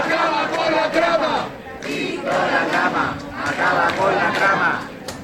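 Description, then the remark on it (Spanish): A large crowd in the street chants and cheers loudly for Víctor Aldama, many voices shouting together in rhythmic surges that swell and dip across the whole stretch, dense with no single speaker standing out. “se conviertan para algunos sectores en una especie de héroes de la lucha contra la corrupción, hasta tal punto que hace justo le han vitoreado en la calle de esta manera.”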